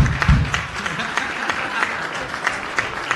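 An audience applauds the speaker's mother as she arrives, a dense crackle of many hands clapping that stays at an even, fairly loud level throughout, with a brief low murmur of voices at the start.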